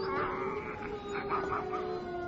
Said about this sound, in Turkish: Kurtları göremiyorum ama ulumalarını duyuyorum dede.